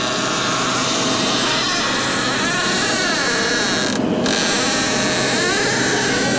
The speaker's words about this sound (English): I was going to send our creaky door because this is a loud one.